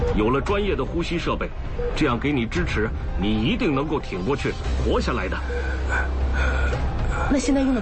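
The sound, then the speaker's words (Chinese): Rapid, labored breathing from an intubated patient who does not respond when called and has just arrived by ambulance; strained, gasping breaths follow closely one after another, fairly loud, mixed with voiced sounds and a steady low hum underneath. “喘息声急促，喊他也没有反应，好像因为缺氧意识不清。”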